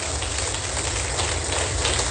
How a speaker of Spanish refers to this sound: Ahora suelte un fuerte aplauso.